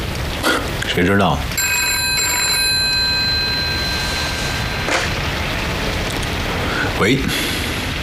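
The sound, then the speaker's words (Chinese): A telephone rings with a call from the military government office, one long, bright, bell-like tone lasting a few seconds, clearly audible over a steady hiss of background noise. Brief voice-like sounds come just before and after the ring. “军政厅的电话。”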